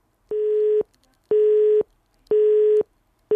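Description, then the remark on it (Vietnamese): A telephone busy signal from a failed connection to a listener on a radio call-in show: a steady electronic tone pulsing on and off in regular half-second bursts, four beeps heard clearly and loudly with no one speaking. “Ồ, như vậy là thêm một lần nữa lại có trục trặc về tín hiệu kết nối.”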